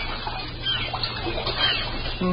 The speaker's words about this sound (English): It was late one bright sunny morning, and far out on the bay in a rowboat that was being rocked by the choppy water,